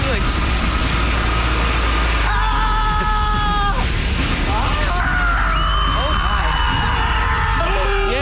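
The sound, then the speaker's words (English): Several voices mimic screams as from a scream factory, the Foothill Screamery, in overlapping high, sliding wails over a steady mechanical rumble, loud, with the shrieks bunching together toward the end. “Now we've cranked up our production to about 5,000 screams per hour.”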